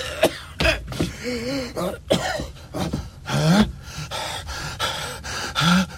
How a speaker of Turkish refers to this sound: Bir ses öksürüyor.